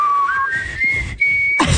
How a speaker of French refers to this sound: Est-ce que je suis la seule à pas être capable de siffler aujourd'hui? Je suis capable de siffler, mais ça siffle pas fort.